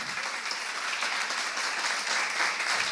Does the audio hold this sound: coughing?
no